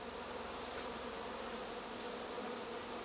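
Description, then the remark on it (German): A dense, continuous buzzing of a honeybee swarm of about 30,000 bees crowding peacefully into their new hive, steady, filling the whole clip with a thick insect drone and no voices. “Dicht gedrängt, aber friedlich, laufen rund 30.000 Bienen in ihr neues Zuhause.”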